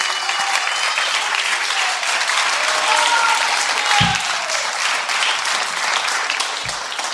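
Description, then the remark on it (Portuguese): An audience applauds a photo of the pillar of fire, with dense, steady clapping at a consistent loud level for several seconds, a couple of low thumps and faint murmuring voices underneath. “Vamos aplaudir esse pilar de fogo.”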